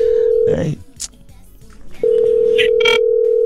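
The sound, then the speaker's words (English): A steady electronic ringback tone plays over a phone line, sounding twice with a short silent pause between, loud and clear, with faint background noises in the gap. “Okay, it's ringing.”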